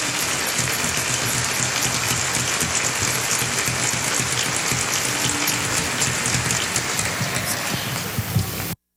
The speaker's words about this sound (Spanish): Un aplauso bien bonito para este maravilloso trío.